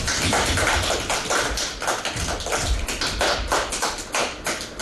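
A class bursts into steady applause for a classmate coming up to receive first prize in the school art competition, many hands clapping in a dense, even patter that holds at the same lively level for about five seconds with no voices.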